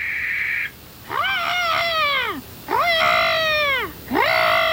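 A barn owl calls loudly at night in a forest, giving three drawn-out, wailing cries in a steady series with a short pause between each, plus the tail of one at the start.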